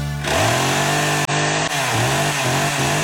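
A Motosserra Estil chainsaw engine roars loudly and steadily, its buzzing pitch dipping and climbing again several times as the throttle is revved, with no voices over it.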